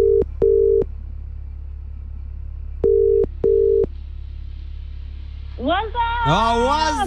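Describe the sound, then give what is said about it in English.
An outgoing WhatsApp call ringing tone: two rounds of paired steady beeps, spaced a couple of seconds apart, over a low hum, then someone answers and starts talking. “Who are we doing the WhatsApp callback with tonight?”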